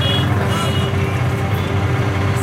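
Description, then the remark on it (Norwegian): Dense city traffic in Beirut, Lebanon, on a Tuesday afternoon, with small mopeds weaving through: a continuous rumble of engines and road noise that stays loud and steady throughout, with no pauses. “Små mopeder manøvrerer seg gjennom den tette trafikken.”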